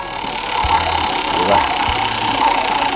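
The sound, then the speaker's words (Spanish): A prize roulette wheel spins in a giveaway where the first winner gets an electric fan, a steady mechanical whir and faint rattle, punctuated by a couple of low knocks, continuous throughout. “Vamos a tirar la ruleta del amor, ¿verdad?”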